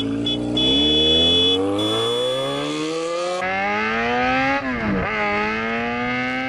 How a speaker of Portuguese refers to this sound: Vai anotando quantas vezes a moto passa por aqui e guarda essa informação com todo o cuidado, hein?